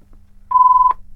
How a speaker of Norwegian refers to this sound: Og der ringer det allerede, gitt.